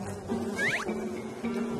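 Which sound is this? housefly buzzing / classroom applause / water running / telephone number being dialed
housefly buzzing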